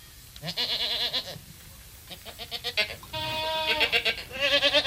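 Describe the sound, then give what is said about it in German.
Several goats kept by goat farmers who make goat cheese bleat loudly, their wavering, quavering calls overlapping in quick succession with only brief pauses between them. “Konkret sind wir jetzt Landwirte, die Ziegen halten, und wir sind Käsehersteller.”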